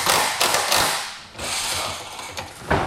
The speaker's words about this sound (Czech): Místo houslí nebo klavíru se barokní zahradou Českokrumlovského zámku ozývají zvuky kladiv a vrtaček. V prostorách letní jízdárny se teď dolaďují poslední detaily před zahájením programu Festivalu Krumlov.